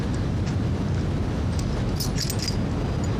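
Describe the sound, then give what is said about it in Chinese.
A brief cluster of metallic key jingles rings out midway through, light clinks riding over a constant, heavy rumbling noise that fills the whole stretch. The keys were stolen back to let prisoners out. No one speaks. “我是能不注意把钥匙偷回来了，快放你们出去，赶紧投降。”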